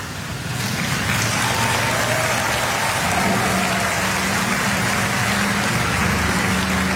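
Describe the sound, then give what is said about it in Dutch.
A large crowd applauds as a woman and a dancer drive away together in her car after a dance-floor performance. The applause is a sustained wash, dense and steady, fairly loud from start to finish, with no voices standing out above the clapping. “Ze rijden samen onder applaus weg.”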